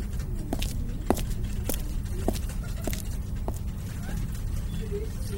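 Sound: quick footsteps walking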